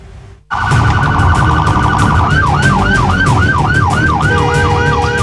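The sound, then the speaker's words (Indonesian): A loud ambulance siren on Jalan Raya Sawangan, Depok, from an ambulance carrying a toddler having seizures and blocked by a motorcyclist riding against traffic, starts abruptly, first a steady two-tone wail, then shifts into a rapid rising-and-falling yelp over rumbling traffic noise. “Video amatir detik-detik ambulans yang diadang pesepeda motor lawan arah ini menjadi viral di media sosial.”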